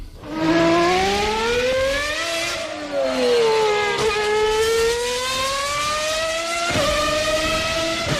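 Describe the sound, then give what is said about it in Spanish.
Formula 1 cars scream past, their loud, high-pitched engines rising and falling in pitch with overlapping whines and a sharp shift near the end, no voices. “1, misiles, 2, coches de Fórmula 1, 3, fuegos artificiales o 4, narvales jugando.”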